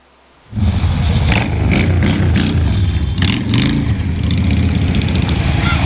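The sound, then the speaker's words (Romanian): High-powered motorcycle engines start up abruptly and keep running loudly, a deep rumbling idle with repeated throttle revs rising and falling over it, with no one speaking; shown to children at a charity festival organised by a motorcycle club in Băiuț, Maramureș County, Romania. “Durii pe două roți le-au făcut copiilor desene pe față, s-au jucat cu ei și le-au arătat motocicletele cu mulți cai putere.”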